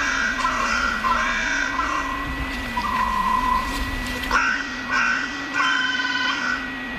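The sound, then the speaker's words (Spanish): Carrion crows waking in the trees that flank the Royal Palace in La Granja, Segovia, caw in harsh, cracked bursts, several calls in irregular succession over a steady low hum of background noise. “Y aquí en los árboles que flanquean el Palacio Real se despiertan las cornejas a su manera, con esta voz cascada.”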